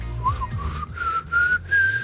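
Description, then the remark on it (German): Someone whistles a short tune, the clear tone stepping up through a few sustained notes over about two seconds, with a low hum underneath. “Bist du in der Lage, Melodien zu pfeifen, sodass es schön klingt?”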